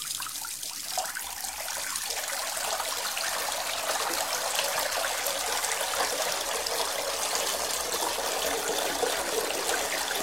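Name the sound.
running water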